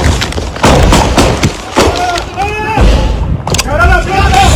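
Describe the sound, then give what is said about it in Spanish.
Several sharp, loud gunshots crack out at irregular intervals during a shootout in the Los Alpes neighborhood of Ciudad Bolívar, mixed with tense shouting voices throughout. “escuchen ustedes mismos los momentos de tensión y la balacera que se vivió en el barrio Los Alpes de Ciudad Bolívar”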